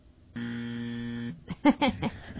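A flat, harsh buzzer button blares once for about a second, pressed to signal a wrong answer in a movie-quote quiz, like a game-show wrong-answer buzz, and is followed right away by a brief burst of voices.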